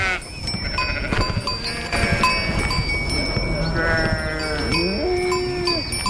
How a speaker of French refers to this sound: Et donc l'année dernière, on a débarqué avec une centaine de brebis pour faire un essai.